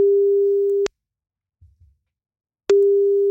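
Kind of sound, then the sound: signal or alarm, telephone ringing tone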